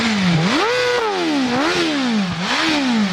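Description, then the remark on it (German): A four-cylinder engine of nearly 215 hp, with a top speed of about 318 km/h, revs loudly in repeated blips, its pitch sweeping up and dropping back three times with a rough, buzzy edge and no talking over it. “Vierzylinder. Mit wie viel PS? 215 knapp.”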